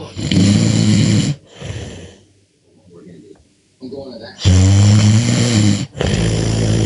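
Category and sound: human body sound, person snoring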